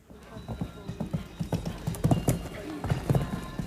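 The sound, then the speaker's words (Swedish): Horse hooves clip-clop in a steady, uneven rhythm, moderately loud, with muffled voices and outdoor background noise mixed in, at the Åland show jumping championships at Himyra gård, Åland, on a Saturday. “De åländska mästerskapen i hästhoppning var under lördagen.”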